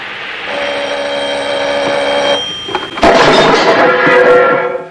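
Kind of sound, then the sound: household object, telephone ringing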